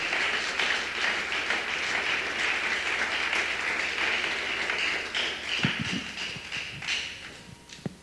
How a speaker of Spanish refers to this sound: Puedes dar un fuerte aplauso al Espíritu Santo. Aleluya.